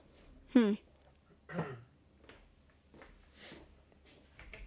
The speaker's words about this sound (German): Ich geh mir mal kurz räuspern und einen Schluck Bier trinken.